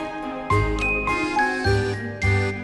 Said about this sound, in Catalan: Estem escoltant la música que vas posar a una aplicació de mòbil, concretament a un joc que es diu Babel Witch.